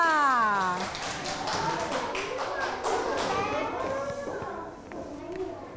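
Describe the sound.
A group of children clap their hands in a quick, uneven burst lasting a few seconds, while a woman's voice and children's chatter continue over the applause.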